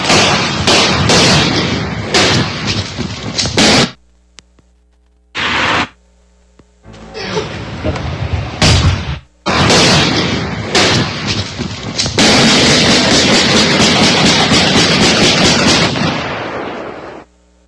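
Loud gunfire in rapid, crackling volleys, broken by a few brief pauses before erupting again into sustained bursts of shots with no voices: a man shooting at uniformed police officers during a raid after they broke the lock with a tactical battering ram.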